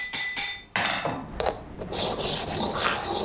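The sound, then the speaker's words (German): Steady abrasive rubbing and rasping as the sides of a hand-forged metal piece are polished, with brief scraping strokes early on giving way to a continuous grinding-like polish. No voices. “Jetzt ist er fertig mit diesen polierten Seiten.”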